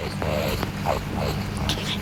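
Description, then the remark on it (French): A rakali, an Australian water rat, growls in a few short, rough, whiny bursts over a steady low background rumble. “Oh zut, le grognement d'un racané.”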